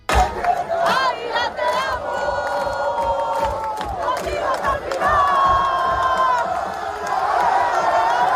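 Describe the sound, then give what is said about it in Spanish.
Thousands of Águilas football fans cheer and shout loudly and continuously, with overlapping voices and long sustained chant-like cries rising above the roar, as they follow the team bus through the main streets of the coastal town after promotion to Primera Federación. “El equipo llegaba anoche y era recibido por miles de aficionados que siguieron el autobús por las principales calles del municipio costero.”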